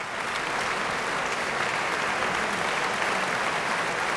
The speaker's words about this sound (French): Et l'on retrouve encore quelques instants les applaudissements du public de Bâle.